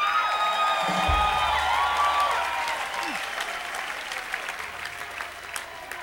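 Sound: crowd applauding and cheering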